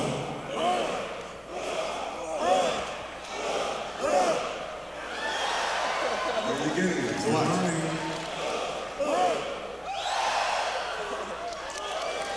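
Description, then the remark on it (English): An audience, asked to make any low noise with their mouths, hums, groans and makes assorted low vocal noises all at once, a continuous, overlapping jumble of voices that rises and swells in uneven bursts. “Okay, now this is make any low noise with your mouth, such as.”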